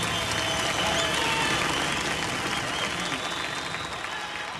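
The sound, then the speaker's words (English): Sustained audience applause at the 1972 Concord Jazz Festival after a guitar performance, a dense steady wash of many hands clapping at an even, fairly loud level throughout, with faint crowd murmur and no distinct speech. “And the crowd seems to like it.”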